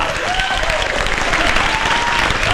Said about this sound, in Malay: Mari kita berikan tepukan yang gemuruh untuk pemenang hashtag cinta pada malam ini